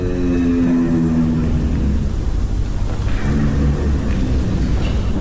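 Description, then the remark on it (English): A giraffe's deep, steady hum drones on for about five seconds, a low rumbling tone with layered harmonics that stays loud and unbroken, with no voices. “A low vocal sound that they call a hum. They believe giraffes use this hum to communicate.”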